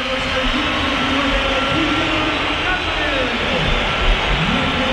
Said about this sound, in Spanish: Bueno, pues algunos pitos. No, algunos no, la que una pitada. La que una pitada.